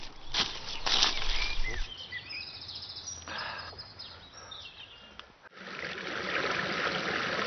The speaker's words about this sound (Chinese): 我们到溪边了，我们在这洗澡，来，过来。 山林间有着很多小溪和清泉。